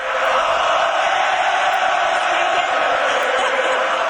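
A huge hockey crowd at the Bell Centre roars continuously as goalie Jakub Dobiš, who made 26 saves, is interviewed out on the ice, a dense wall of cheering voices that swells steadily without a break, loud, with no single speaker audible above it.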